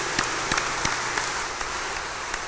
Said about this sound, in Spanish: y démosles un fuerte aplauso de felicitación.